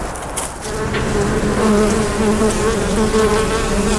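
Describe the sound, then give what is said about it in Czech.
A steady, dense buzzing of many bees flying beside a museum beehouse, a continuous droning hum with no voices, holding level throughout. “Včely vedle včelína létají i dnes.”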